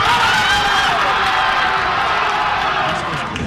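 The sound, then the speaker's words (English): A crowd of soccer fans cheers and shouts at a World Cup watch party in Northeast D.C., a loud, dense, unbroken roar of many voices that holds steady for the whole few seconds. “The crowd is just amazing. You know, every play, they're all super excited.”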